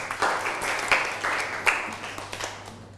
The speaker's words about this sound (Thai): ได้นั่งลงครับปรบมือให้กับเพื่อน